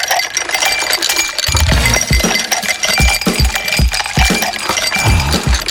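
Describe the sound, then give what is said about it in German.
Dense clinking and rattling of ice cubes jostling together, with bright clattering throughout and low thuds as chunks shift and tumble, loud, no voices. “Stellt euch vor, Liegestuhl, Schatten, kaltes Getränk und direkt neben euch ein riesiger Pool voller Eiswürfel.”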